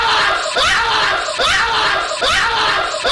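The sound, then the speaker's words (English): A man screams repeatedly in fright after a donkey was hidden in his office, loud and strained, with bursts recurring in a steady rhythm roughly every second, the voice cracking high and raspy. “screaming when a donkey was hidden in his office.”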